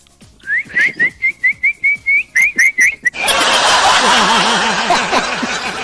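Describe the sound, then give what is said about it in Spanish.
A person whistles a quick, rhythmic run of about a dozen short rising chirps to call a dog, then a loud, sustained burst of rough, noisy sound takes over. “¿Cuándo uno llama al perro?”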